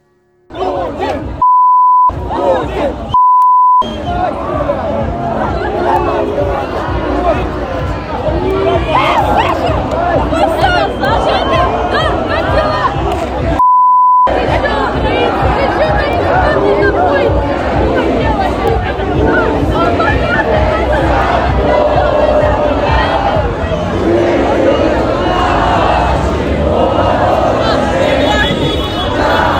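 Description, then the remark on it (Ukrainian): A large crowd of young people chants loudly and continuously during the anniversary of Ukrainian independence, with steady horn blasts near the start and engine noise from bikers mixed into the dense roar, broken by a few brief cuts. “Ну і як їх підтримували моторами, клаксонами, байкери.”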